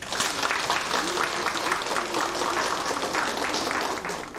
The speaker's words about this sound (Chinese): 那么现在呢，我们掌声有请达伦老师登台。